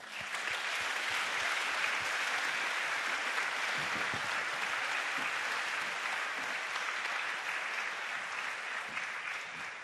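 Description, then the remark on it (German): Steady audience applause welcoming a speaker at a panel event fills the whole stretch, a dense wash of many hands clapping at an even level with no speech over it. “Nun möchte ich an dich übergeben, einen Applaus”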